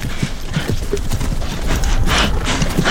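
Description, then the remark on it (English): A mare named Sorda walks carrying two riders and favouring one leg, her hooves clip-clopping in a steady, slightly uneven rhythm, the dull thuds repeating throughout over a constant rustling background, with no one speaking. “I don't think she can carry us both.”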